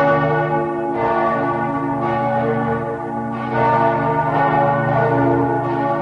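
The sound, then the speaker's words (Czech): Several bells of a Lutheran (evangelical) church in Brezno, Slovakia, ring together in a steady, overlapping peal calling people to services, with rich sustained tones and repeated strikes filling the whole stretch at a loud, even level, no voices present. “Na evanjelické služby Božie v Brezne pozývajú tieto zvony?”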